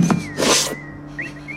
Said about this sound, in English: What's that sound? Whistling.